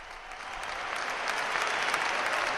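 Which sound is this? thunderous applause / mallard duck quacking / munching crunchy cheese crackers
thunderous applause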